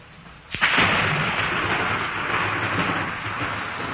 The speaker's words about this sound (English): The sound of thunder.